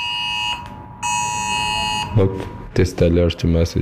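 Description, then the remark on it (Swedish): A mobile phone emergency alert tone blares on a waiter's phone, the government testing a new warning system, in two steady, harsh buzzing bursts with a brief gap between them, then stops as a man starts talking. “Det är regeringen som testar ett nytt varningssystem i folks mobiler.”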